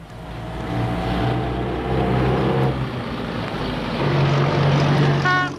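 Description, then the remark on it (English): An old, high-mileage car engine runs loud and rough, droning and sputtering with shifting pitch for several seconds as the car breaks down, with no voices present. “And then, out of nowhere, your trusty million-miler jalopy gives up the ghost, leaving you and your family stranded in your weekend kaputs.”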